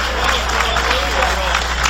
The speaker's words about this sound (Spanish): Dale ese aplauso al Cordero de Dios.